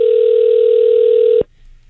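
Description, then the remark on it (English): A single steady electronic ringback tone over a phone line on an unanswered call to Aeropostale, loud and even for about a second and a half, then cutting off abruptly into near silence with faint line noise. “They will let it ring for 20 here.”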